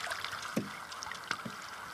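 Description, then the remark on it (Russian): A rowboat glides across the water of a small lake bay with yellowing forest on the shore, heading to be moored at the opposite wooded shore, with steady lapping and two distinct oar splashes about a second apart, with no voices. “Вадим пришвартовывает лодку к противоположному лесистому берегу”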